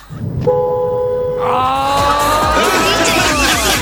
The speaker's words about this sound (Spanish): La chica que va adelante se enojó. Bocina número 14.